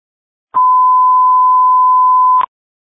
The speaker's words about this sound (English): Is that the phone?